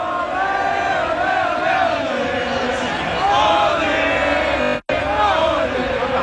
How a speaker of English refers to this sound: This is their last song, and there are thousands of people here watching it all happen. The energy is unmatched, and listen to them cheer as the third goal went in.